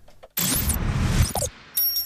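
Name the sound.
door opening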